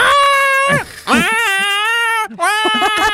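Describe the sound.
A person imitates a cat yowling in heat with three drawn-out, wavering, nasal wails in quick succession, loud, with no other talking.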